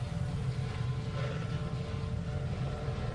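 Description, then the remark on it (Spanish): A maneuvering, turning helicopter's steady, loud engine and rotor drone fills the air, a constant low rumble with a broad whooshing wash and no talking over it. “Y los helicópteros a mí me dan mucho respeto, no sé a vosotros, ¿eh?”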